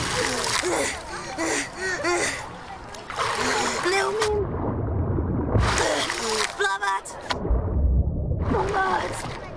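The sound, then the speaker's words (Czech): Rhythmic splashing and sloshing of water as a paddle strokes through it, moving a small boat, heard under overlapping voices talking, including a child's. “Jo, teď už pádluju.”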